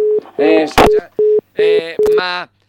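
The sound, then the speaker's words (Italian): A telephone dial tone of an outgoing call sounds in short, steady pulses, repeating several times, with voice-like sounds and sharp clicks overlapping between the tones. “se arriva adesso la telefonata, sentiamo, si è già svegliato, guardiamo se si è già svegliato.”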